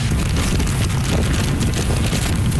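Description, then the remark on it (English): Loud, steady roar of Super Typhoon Bavi's wind buffeting the microphone in Keelung, on the northern tip of Taiwan, with winds of 144 km/h gusting to nearly 200, dense rumbling low noise and a broad hiss of heavy rain, continuous throughout with no voices. “That's how the storm sounded in Keelung on the northern tip of the island.”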